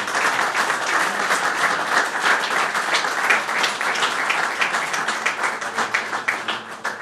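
An audience breaks into sustained applause, a dense, steady wash of many hands clapping at once, loud and even throughout before tapering slightly at the end. No one speaks over it.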